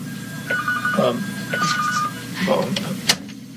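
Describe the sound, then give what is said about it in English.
A telephone rings in two short, evenly spaced electronic bursts, clear, while a person's voice murmurs and talks in between and underneath the rings. “I don't know what phone that is.”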